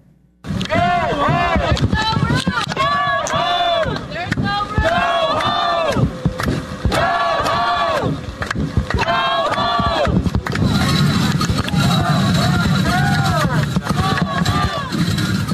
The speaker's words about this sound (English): So last night outside of Delaney Hall in Newark, it was protesters clashing with both private security and local law enforcement.